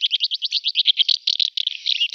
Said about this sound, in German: Sie hörten die Mehlschwalbe, was den Vogel des Jahres ausmacht und warum er gefährdet ist.